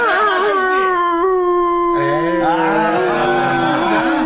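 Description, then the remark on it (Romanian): A person imitates a howling dog with long, wavering, drawn-out howls that slide in pitch, loud, with a brief break midway before a second rising howl. “Ia fă tu, da? Precum o cățea.”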